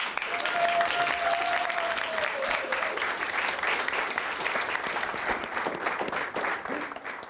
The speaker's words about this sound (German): Einen großen Applaus!